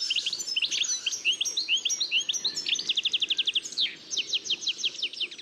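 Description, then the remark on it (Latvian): A European goldfinch sings a fast, bright, tinkling twitter, mixing quick chirps with rapid buzzy trills, continuous against quiet outdoor background noise. “Var teikt, ka dadzītis ir sēklu speciālists.”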